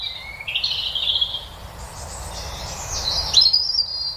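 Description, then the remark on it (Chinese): High, thin peeping of ducklings, a steady stream of overlapping shrill cheeps that rise and fall, heard over a low, rumbling background with no one speaking. “还有一类我们特别喜欢的动物是毛茸茸的小鸟，我们会把它们的形象印到贺卡、毛巾和玩具上。小鸭子就是这样的存在，它们也有大大的脑袋、小小的喙，还有一身惹人喜爱的绒毛。”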